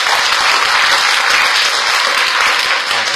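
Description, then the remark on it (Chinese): Loud, sustained applause from an audience for a teacher at the close of a reader event for an audio and music culture month, a dense steady wash of many hands clapping at an even level throughout, with no voices standing out. “那我们最后再送一次热烈的掌声给到秦老师，谢谢。”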